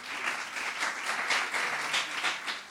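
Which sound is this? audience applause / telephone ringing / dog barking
audience applause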